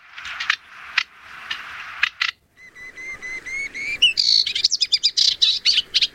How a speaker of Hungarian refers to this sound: Na szóval ő a fülemüles Sitke.